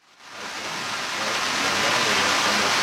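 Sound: rain falling outdoors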